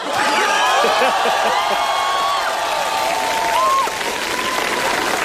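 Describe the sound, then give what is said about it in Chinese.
Loud, sustained applause from a large audience, the biggest burst of applause since the opening, a dense steady roar of clapping that holds strong for about four seconds before easing slightly, with faint cheers and laughter mixed in. “你听听观众反馈， 你听听开场以来最爆发的掌声。”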